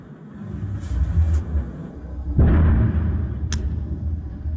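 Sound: distant missile explosion bang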